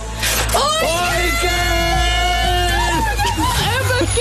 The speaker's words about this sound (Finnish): No mä siis epäilen, että se on tämmönen minun inhoamani ääni, eli siis tämmönen kumihanskan käteen laittaminen.